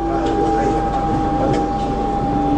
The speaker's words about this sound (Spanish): Un subte que viene y un subte que va en el recuerdo.